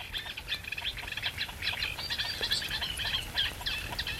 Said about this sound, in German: Was war das eben für ein Ruf? Und das kommt von einem Teichhuhn. Das ist eine Art Warnlaut, möchte ich sagen.